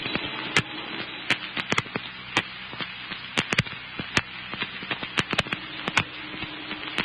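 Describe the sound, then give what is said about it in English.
Fierce crackling and sharp pops burst irregularly over a steady roaring hiss as a big house at the end of a block burns like tinder, with the whole fire department out; fairly loud with no voices. “Well, they'll never be able to save that. It's going up like tinder.”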